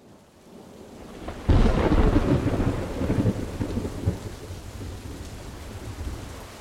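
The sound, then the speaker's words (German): A thunderclap breaks suddenly after a quiet start, then a dense, heavy downpour of 50 liters per square meter over a village roars steadily with rumbling thunder rolling beneath it. No voices. “Der Gewitterguss war mit 50 Liter auf dem Quadratmeter über dem Dorf niedergegangen.”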